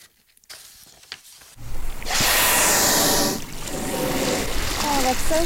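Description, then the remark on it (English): Five gray whales feeding on herring eggs among kelp surface close by a 20-foot inflatable boat in early May, with a loud, breathy whoosh of a blow and splashing water, followed by steady lapping and sloshing around the boat, with faint voices near the end. “It's early May, and five gray whales weave between the kelp as they feed on herring eggs in the water around our 20-foot inflatable boat.”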